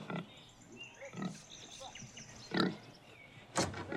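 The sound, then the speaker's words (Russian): A pig grunts four times in short, gruff bursts spaced about a second apart, moderately loud, over a faint background of thin squeaky noises. “Ой, свинья.”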